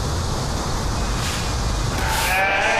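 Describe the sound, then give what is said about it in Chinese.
A goat, to be the centerpiece of a festival feast, bleats once near the end, a clear, wavering cry rising over steady outdoor rumble and hiss, moderately loud, with no voices. “山羊600年前跟随西班牙人进入美洲，也是何塞这次宴会的主角。”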